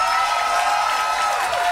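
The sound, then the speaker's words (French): Steady applause from a large audience for a musician fills the whole moment, a dense wash of many hands clapping at once with no pauses, loud. “Bravo, vous pouvez applaudir ….”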